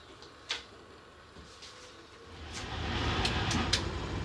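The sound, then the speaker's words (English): The front engine of a 1970s Fiat FCE Ade locomotive rumbles unevenly, starting quiet and swelling into a louder, rough churn, with scattered sharp clicks and knocks breaking through as it labours to keep idling. “The engine won't idle properly.”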